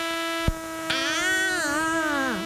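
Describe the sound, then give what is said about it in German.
A mosquito's thin, buzzing whine drones steadily in the dark with the lights off at bedtime, wavering in pitch, rising and dipping before sliding down at the end. Two short, sharp clicks sound near the start. No one speaks. “Mücken gehören zu den effektivsten Schlafverhinderern überhaupt.”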